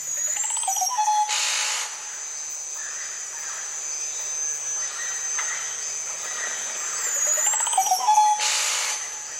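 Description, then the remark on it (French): Tropical rainforest ambience in French Guiana: several birds whistle and call over a constant high insect drone, with two louder bursts of buzzing calls near the start and end. “Il y a d'autres oiseaux que l'on peut proposer aussi, les oiseaux de ces environnements-là, de la Guyane.”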